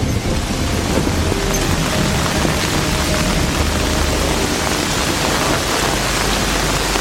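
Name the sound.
heavy rain falling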